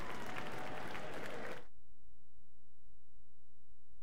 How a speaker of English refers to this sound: musicians before standing did indeed refuse to stand in their show of respect for Andras as he asked them to stand, and they sat offering their own applause for him. Now they're standing. And Andras makes his way back to the stage door once again.